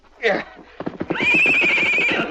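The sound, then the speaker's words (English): A horse lets out a short cry, then a loud, high-pitched whinny that quavers and shakes for over a second, with rapid pulsing breaths running underneath. “Just let him loose today with a saddle on. Tomorrow you can ride him.”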